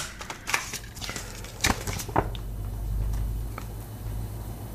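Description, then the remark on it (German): Crisp paper crackling and rustling in a quick burst of sharp crinkles and soft scrapes, fairly quiet, as a small note is quickly unfolded to read from it, then a low steady hum underneath. “Und nein, hier gibt es jetzt natürlich den Fliegermarsch und der kommt vom, auf mein Papierchen schauen, so mal schnell aufmachen hier.”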